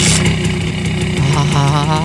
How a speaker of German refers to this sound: Herrlich, dieser Sound. Und jetzt stellen Sie sich vor, wie sie drauf sitzen und einfach davon zischen auf ihrer niegelnagelneuen Simson S51.